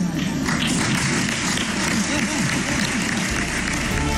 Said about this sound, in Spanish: pero sin la cerrada ovación de otras ocasiones, o al menos así sonaba.